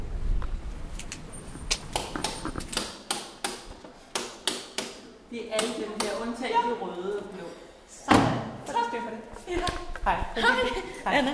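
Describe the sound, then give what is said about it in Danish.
The heavy, closed door of Matthæuskirken church in Vesterbro, Copenhagen, is worked open and shut, with a run of sharp latch clunks, knocks and thuds, while voices murmur faintly in the background. “Det er Matthæuskirken, vi er kommet frem til, hvor døren er lukket. Jeg prøver at se, om jeg kan stikke snuden indenfor og måske finde en festivalarrangør eller to.”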